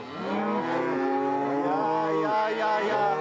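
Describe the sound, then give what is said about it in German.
Several cows moo at once as cows and their barn-born calves are brought out to pasture in spring, their low, drawn-out calls overlapping in a steady chorus that fills the whole stretch, with no speech over it. “wenn sie ihre Kühe und die im Stall geborenen Kälber auf die Weide bringen.”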